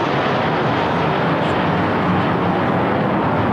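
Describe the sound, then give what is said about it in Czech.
Five army aircraft fly over Vítkov during the ceremonial march at the end of a memorial ceremony, a steady, loud, continuous rumble that fills the whole recording, a broad engine noise with no voices. “a při slavnostním pochodu na konci piety pak nad Vítkovem přeletělo 5 armádních letounů.”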